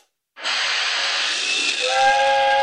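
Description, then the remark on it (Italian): A loud burst of steam hiss starts abruptly and holds steady as a steam train comes out of the grotto of a nativity scene. Near the end a steam train whistle sounds over the hiss, its tones rising out of it. No voices. “Ma cazzo, è un treno a vapore.”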